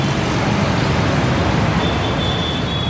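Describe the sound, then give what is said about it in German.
A steady wash of dense road traffic in India, engines rumbling continuously as a rickshaw driver struggles through it with his passengers, with a faint high whine emerging near the end; no voices are heard. “Ein Fahrer quält sich mit seiner menschlichen Last durch den dichten Verkehr, riskiert Leben und Gesundheit in der verschmutzten Luft”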